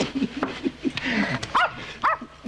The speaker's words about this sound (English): Call off your dog